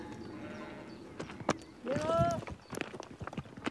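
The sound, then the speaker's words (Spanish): Hooves of sheep tap and scuff on a narrow, rocky mountain path in an irregular series of sharp steps, with a brief tonal call rising partway through over a steady outdoor background. “Los animales pisan con bastante seguridad.”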